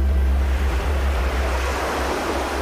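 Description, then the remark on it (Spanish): Ocean waves wash steadily onto the shore in a continuous, fairly loud rush of surf, with a deep low rumble underneath and no voices. “La marea baja un momento.”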